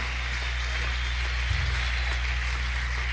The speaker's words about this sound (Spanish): Si ese aplauso es para nosotros, está bien, pero si es para él, tiene que dárselo más fuerte.